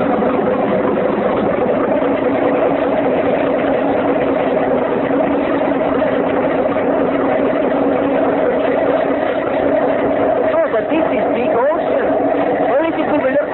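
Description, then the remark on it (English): A motorboat engine drones steadily and loudly, a constant low rumble with a humming tone that holds without pause for the whole stretch. “Oh, but it made big noise.”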